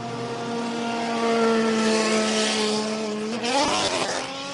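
Race car engines, one of them a Valkyrie, whine past in a pit lane, a steady harmonic drone that rises sharply in pitch as one car accelerates away near the end, loud with no talking.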